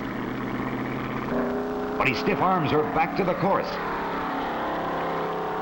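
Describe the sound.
The engine of race car 138C roars in a steady, buzzing drone as the car fishtails at takeoff on a rutted dry lake bed during a speed run, jumping to a higher pitch as it pulls away, while a man speaks over the noise.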